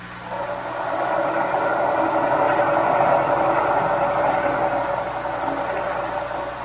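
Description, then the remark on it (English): A submarine engine strains in a continuous, heavy mechanical drone with steady humming tones and a hissing wash as its fouled propeller turns but is held back, swelling slightly after the first second and holding loud, with no voices. “The engine room reports the propeller is still fouled, sir. It behaves as it did before. It turns, but as if something is holding it back.”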